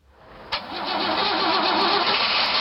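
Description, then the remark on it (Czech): A former military truck from the Czechoslovak First Republic, converted during the war to run on wood gas, at a vehicle museum in Pořežany. Its engine cranks with a sharp click, then catches and roars up to a loud, steady rumbling run, with no voices over it. “Tady vidíme nákladní auto vojenský bývalý z první republiky, předělaný za války na pohon dřevoplynem.”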